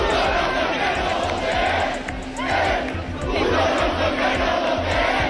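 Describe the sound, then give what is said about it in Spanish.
A crowd of dozens of people, some very young, chants and sings the Francoist anthem Cara al Sol together loudly in unison at the Puerta del Sol, with Francoist symbols, in 2026. A dense wall of many voices briefly dips before swelling again, continuing steadily throughout. “Decenas de personas, algunas de ellas muy, muy jóvenes, se acercaron hasta allí cantando el Cara al Sol con símbolos franquistas para enfrentarse a los acampados que de manera pacífica reclaman medidas para solucionar el problema de la vivienda.”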